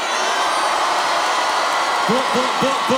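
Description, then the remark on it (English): A loud, steady roar of a cheering crowd fills the whole stretch, and toward the end several rising whoops cut through in quick succession. “Hey, that was a good crowd.”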